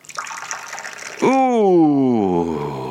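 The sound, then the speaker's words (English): Tea pours live into a cup on a Saturday afternoon at 3:10 with a steady splashing for about a second, then a voice breaks in with a long, drawn-out exclamation that slides downward in pitch. “Let us then do a live pouring on a Saturday afternoon.”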